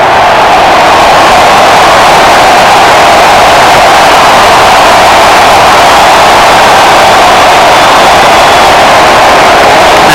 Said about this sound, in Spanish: Se viene el 10, se viene Leo Messi, se marcha Lautaro y esta es la ovación para el número 10, Leo Messi.